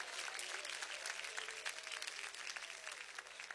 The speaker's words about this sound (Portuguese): Aplauso para Cristo. Pode louvar o nome dele.